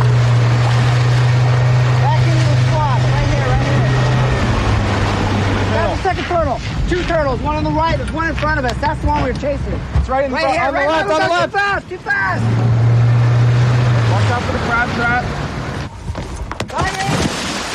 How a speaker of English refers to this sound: That is the glorious sound of a scientist jumping into the water to grab a turtle for monitoring.